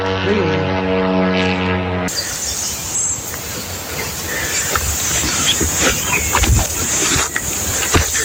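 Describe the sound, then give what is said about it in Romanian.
An army helicopter flies over the site near Solca where a drone crashed into a forest: a steady, humming engine drone for a couple of seconds, then a loud, continuous rushing roar of rotor wash and turbine noise. “Armata a trimis la fața locului un elicopter.”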